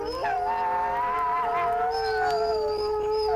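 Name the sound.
wolf howling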